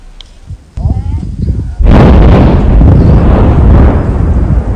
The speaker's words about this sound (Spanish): Es una explosión en medio del semiárido brasileño. Detonación de la minería, un absurdo. Nuestras casas están todas llenas de grietas.